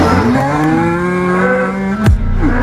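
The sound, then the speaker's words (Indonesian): A cow gives one long, loud moo, holding a steady low tone for about two seconds before its pitch drops sharply at the end. “Sapi bisa sedih juga ya, kayak manusia.”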